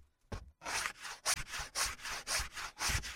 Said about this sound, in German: Du kannst inzwischen schon die Kanten von den Holzfüßen abschleifen. Da, hier, da ist das Sandpapier.